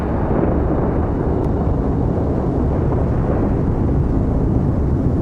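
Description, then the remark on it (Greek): A deep, thunder-like rumble roars continuously and loudly throughout, like a storm that has entered a metro station, heard from the platform, dense and steady with no pauses and no voices. “Μέσα από την ομίχλη βλέπω μπλε φώτα να αναβοσβήνουν και ακούω κάτι που μοιάζει σαν αστραπές, σαν μια καταιγίδα να έχει μπει μέσα στο μετρό.”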